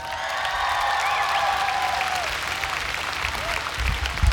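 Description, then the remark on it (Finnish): A concert crowd in Tikkurila applauds loudly and steadily for a few seconds as keyboardist Ville Riippa is introduced, dense clapping with some whistles and cheers rising over it. “Ville Riippa, isot aplodit.”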